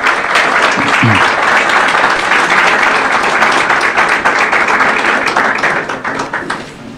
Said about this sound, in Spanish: Bueno, damos un aplauso al Señor por las vidas de estas dos mujeres.